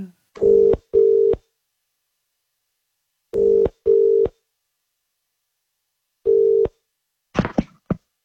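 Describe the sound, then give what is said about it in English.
A telephone call to a listener ringing out: a steady double-beat ring tone repeats three times with pauses between, clear, ending in a brief burst of noise as the call connects. “And if you are one of those people, stare at your phone right now because we are calling one of you to put you on the standby list. We are ringing.”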